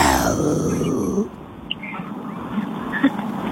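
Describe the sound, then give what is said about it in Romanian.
A person gives a loud, rough growl in imitation of a lion, a rumbling sound lasting about a second before fading into quiet background noise with a few faint clicks. “faci ca un leu. Acum te mănânc.”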